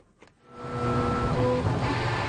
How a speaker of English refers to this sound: North by Northwest Jeremy Ratt paid a visit to the Neil Squire headquarters in Burnaby, and that's where we start with the sound of a 3D printer.